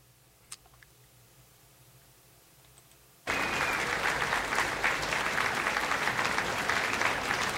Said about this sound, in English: The orchestra is on stage. They're tuning up. I've got a little crowd appreciation.